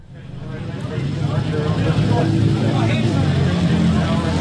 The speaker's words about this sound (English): It's raining at Ruapuna Speedway, and all around me is the sound of thunder. But not just any thunder. Amidst the roar of British, European and American motorbikes that make up this event is the homegrown sound of the Britton bike, brought back to it